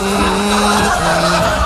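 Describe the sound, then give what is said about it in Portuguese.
Car tires skid with a loud, sustained squeal, its pitch wavering and dipping midway, over a dense rumble of traffic where someone is driving at nearly 1 a.m. No one speaks. “Onde o senhor tá rodando essa hora? Tá um trânsito aí, pastor.”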